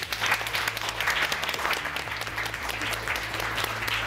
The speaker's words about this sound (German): Lieben Dank, jetzt klatscht einmal für euch selbst.